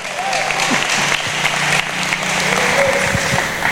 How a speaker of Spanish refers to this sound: Dele fuerte ese aplauso al Señor esta noche.